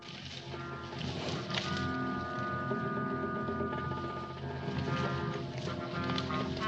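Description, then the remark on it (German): Horse hooves clip-clop at a steady walking pace, mixed into a dense, continuous background of sustained tones and noise that stays loud throughout. “Hier, bring dein Pferd ins Pärchen und nimm eins mit.”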